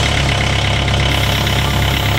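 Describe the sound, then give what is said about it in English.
A neighbour's diesel engine starts and idles steadily in the early morning, a loud, continuous low rumble with a slightly knocking, rattly texture that holds an even level throughout, with no voices. “So, for example, when we get up in the morning, when our alarm, just before our alarm goes off, the first thing we hear is our neighbour starting his diesel engine.”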